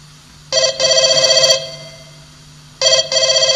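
A telephone rings in two loud, trilling bursts separated by a short pause, the second cut off at the end. It is clear, with no one talking over it.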